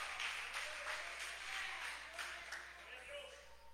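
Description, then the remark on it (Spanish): A church audience applauds Jesus in thanks, steadily for several seconds, a dense wash of many hands clapping at an even, moderately soft level, with faint voices mixed into the clapping. “Dele fuerte ese aplauso a Jesús y dígale gracias en esta hora.”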